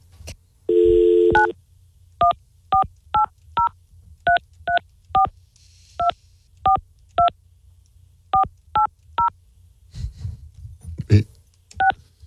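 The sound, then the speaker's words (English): A short burst of dial tone, then a rapid series of about a dozen telephone keypad beeps in quick, slightly uneven rhythm as a phone number is dialed, followed by faint shuffling and a voice. “Call my phone. I live in a mansion. This is my phone number neighbor.”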